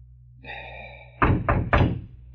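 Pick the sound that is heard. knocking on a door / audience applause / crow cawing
knocking on a door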